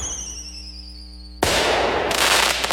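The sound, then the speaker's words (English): A steady whistling tone gives way to a sudden loud fireworks blast, followed by a dense, sustained crackle and hiss of explosions that fills the rest of the moment. No one speaks. It is the fireworks finale of a 4th of July Independence Day celebration in Abingdon, Virginia. “before the sky lights up with a spectacular fireworks finale.”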